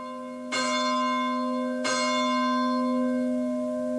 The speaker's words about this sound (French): Et notre prière se poursuit, vous entendez les cloches de l'Angélus.